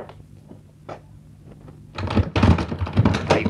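A door is unlatched and pulled open in answer to a knock, a few quiet taps followed by a loud burst of rattling, clunking wood and hardware lasting over a second.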